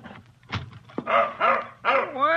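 A dog barks in three whining, yelping bursts, each one rising and falling in pitch, after two short sharp knocks, outside the back door of a roadside cafe in West Texas at 5:45 a.m. No one speaks.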